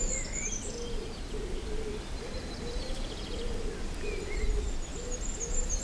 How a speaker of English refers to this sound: A pigeon every now and again.